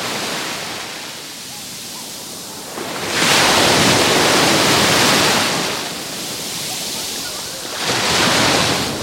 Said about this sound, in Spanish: tenemos un ligero aire de poniente, pero la bandera en el puesto de socorrismo de la playa de la Charca, que es donde estamos, es de color verde, o sea que todo el mundo se puede bañar sin peligro ninguno. Así suena hoy el mar, la playa de Salobreña.